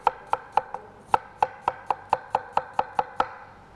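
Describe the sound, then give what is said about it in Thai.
A knife chops an apple, skin on and core removed, into small pieces on a cutting board for a blender to make a sauce, about a dozen crisp taps in a steady, brisk rhythm, with no talking. “แล้วก็ใส่แอปเปิ้ลหั่นชิ้นเล็กๆใส่ลงไปในเครื่องปั่นเดี๋ยวเราจะปั่นเป็นซอสเลยนะคะ”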